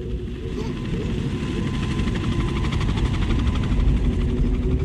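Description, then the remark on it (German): A helicopter dropping tear gas grenades during a manhunt, its steady, throbbing rotor drone loud and continuous with a rhythmic low chop. “Tränengasgranaten fielen aus Hubschraubern.”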